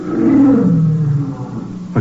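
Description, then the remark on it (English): A lion lets out one loud, drawn-out roar that slides downward in pitch and fades, ending with a short low thump, seemingly from outside in a garden at night. No voices are heard. “I heard something. Like a lion.”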